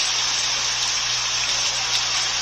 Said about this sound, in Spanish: La lluvia cayendo. Eso fue hace un momento.